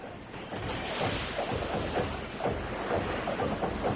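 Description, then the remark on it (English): Islanders push their boats out into the sea, with a steady rush of surf and churning water, moderately loud and continuous, with irregular splashy surges and no voices. “The islanders swiftly ready their boats and push them out into the sea.”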